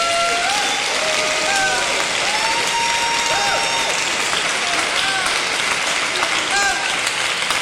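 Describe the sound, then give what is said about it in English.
An audience claps hands in a steady, dense wash of applause that stays loud throughout, with scattered voices and cheers rising through the clapping. “Come on and clap your hands and bless him.”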